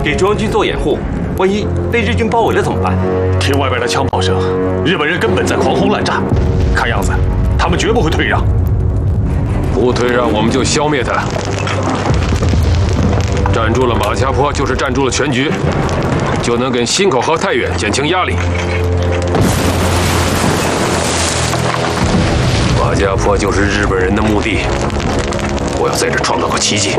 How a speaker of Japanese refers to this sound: 听外边的枪炮声，日本人根本在狂轰滥炸，看样子他们绝不会退让。